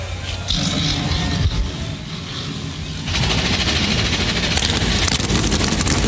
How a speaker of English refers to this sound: NASCAR Cup Series cars come to life 38 strong as we get set to race the Go Bowling at the Glen.